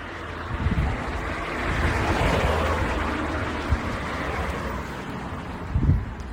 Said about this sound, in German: You will probably hear the birds chirping in the background and sometimes cars passing by. And maybe a little bit of the wind.